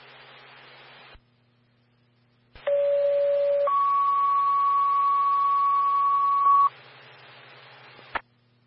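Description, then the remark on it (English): Two-tone radio dispatch paging for a mutual-aid backcountry rescue with Conifer East: a short steady tone, then a longer, higher one lasting a few seconds, loud over a hissing, staticky radio channel that crackles on and off around it. “Standby for tones on mutual aid with Conifer East for a backcountry rescue.”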